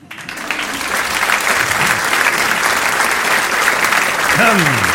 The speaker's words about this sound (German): Ja, danke schön. Das ist lieb, dass ihr so klatscht.